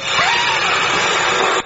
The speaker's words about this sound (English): The Hoover's not picking it up!